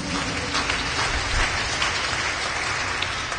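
A crowd applauds for Christ Jesus with dense, steady clapping that holds at an even loudness for a few seconds. The individual claps blur into a continuous hiss, and no one speaks.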